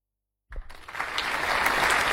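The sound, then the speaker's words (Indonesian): Applause from the audience at a school pupils' quiz contest starts abruptly after a brief silence and builds quickly into dense, steady clapping that stays loud to the end, with no voices over it. “Tepuk tangannya Bapak Ibu, biar anak didik kita lebih semangat lagi.”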